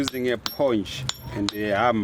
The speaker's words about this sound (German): Schon bei Ankunft an der Hauptverkehrsstraße höre ich ein rhythmisches Hämmern